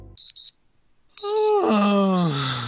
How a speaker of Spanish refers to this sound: No podemos evitar que cada mañana suene el despertador.